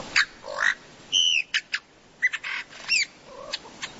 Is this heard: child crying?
no